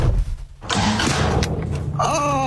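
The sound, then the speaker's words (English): A car engine rumbles low, a burst of rough, noisy sputtering rises over it, and then a whining tone climbs near the end. “Oh, my car.”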